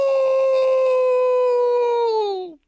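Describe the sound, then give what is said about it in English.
A single long, steady howl held for over two seconds, loud, with a slight downward slide as it fades out at the end. No other sounds accompany it. “All the boys are howling at the moon. Howl!”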